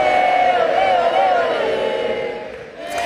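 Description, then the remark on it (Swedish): A large stadium crowd sings together in a sustained, loud chant as Lionel Messi plays his last international match for Argentina, voices blending into a wavering melodic roar that dips briefly near the end before swelling again. “Där hörde vi publiken sjunga när Lionel Messi spelade sin sista landskamp för Argentina.”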